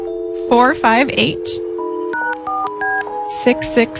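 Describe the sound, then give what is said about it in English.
A brief voice is followed by a quick run of telephone keypad dialing tones as someone dials a phone number to call a line for creepy questions, several distinct beeps stepping from one pitch to the next, loud. “I don't think you have to dial a one.”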